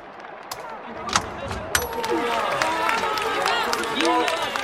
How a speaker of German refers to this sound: als ich die Augen am nächsten Morgen aufschlug, war der Applaus noch da. Vor der Wache hatte sich eine große Gruppe Bürger versammelt, um für die Brigade zu jubeln.